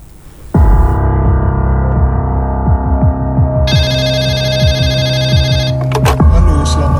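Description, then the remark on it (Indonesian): A telephone rings loudly and steadily over a sustained low droning tone, the bright trilling ring entering partway through and continuing almost to the end; a call at night from a resident of Tanggul district, Jember, Indonesia. “menerima telepon dari seorang warga di Kecamatan Tanggul, Jember.”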